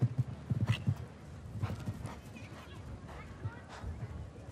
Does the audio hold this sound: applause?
no